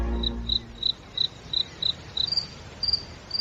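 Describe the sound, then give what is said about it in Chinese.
A cricket chirps in a steady series of short, bright pulses, about three per second, clear against a quiet, low background rumble, with no voices. “蟋蟀已经变成大人玩意儿了，但是大人的兴趣在斗，而我们对于捉蟋蟀的兴趣恐怕要更大些。”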